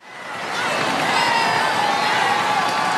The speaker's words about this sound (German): Begleitet von euphorisierten Rufen der Gläubigen und der Zuschauer kam Papst Leo XIV. Im Papamobil die knapp 3 Kilometer lange Strecke der Champs-Élysées heruntergefahren.